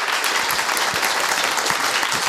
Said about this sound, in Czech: Rozhlasovým posluchačem, abyste věděli, čemu teď tleskali diváci, já do toho vstoupím.